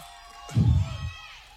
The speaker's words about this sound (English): waiting for Jermaine to address this crowd. They're pretty amped up, as you can imagine